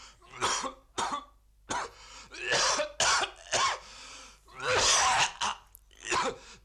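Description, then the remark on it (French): A man coughs over and over in harsh, raspy bursts, roughly a dozen fits with short gaps and throat-clearing between them, loud with no talking. “l'homme qui tousse.”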